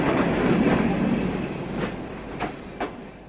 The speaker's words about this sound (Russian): Скорый поезд номер 34. Сообщение Москва или Кманар прибывает на первый путь в первой платформе. Стоянка поезда 10 минут.